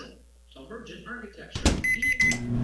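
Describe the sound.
A man talks briefly, then a microwave oven starts up with a sharp clunk, a steady electric hum and a few high electronic beeps.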